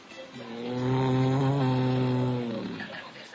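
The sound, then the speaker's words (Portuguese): A voice imitates an ox mooing, the ox heard on Noah's Ark in a children's animal-sounds story, with one long, low, drawn-out "moo" that swells loud, holds steady for about two seconds, then dips in pitch and fades. “Todo dia Noé ouvia o boi fazendo assim.”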